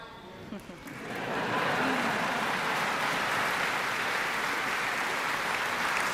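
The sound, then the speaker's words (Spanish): Applause from a large concert audience for the BBC Symphony Orchestra at the Last Night of the Proms swells after a brief moment of voices and becomes a sustained, dense wash of clapping that stays loud and steady to the end. “La Orquesta Sinfónica de la BBC, una ovación para ellos.”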